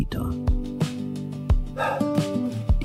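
A dog barks several times in short, irregular bursts, fairly loud, with a steady tonal background running underneath between the barks.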